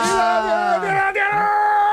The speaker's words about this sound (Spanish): Vaya, menudo grito que me ha pegado. Realmente a mí me ha dejado descolocado.